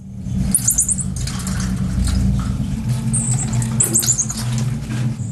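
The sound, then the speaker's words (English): A marmoset monkey in a cage, inside a large bag left behind on a London bus, gives short bursts of shrill, high-pitched chirping squeaks, about three clusters spaced a few seconds apart, over a steady low engine-like rumble. “Well, inside the bag was a monkey in a cage. The marmoset had been abandoned and was reported to the RSPCA Animal Welfare Organisation.”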